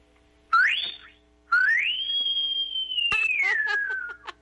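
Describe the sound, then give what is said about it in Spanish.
A person on a radio broadcast whistles two clear tones as a farewell: a short rising chirp, then a long sweeping whistle that climbs, holds steady and slowly falls, fairly loud with no talking. “Ya despídanos con un chiflido.”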